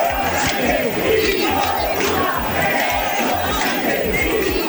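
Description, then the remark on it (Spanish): About 6,000 people packing the town hall square of Oviedo and its surroundings at 8 in the evening chant protest slogans in unison, such as "gobierno dimisión". A loud, steady roar of many voices with rhythmic shouted pulses repeats throughout. “6.000 personas abarrotaron a las 8 de la tarde la plaza consistorial y sus aledaños al grito de gobierno dimisión o de Pedro Sánchez, hijo de puta.”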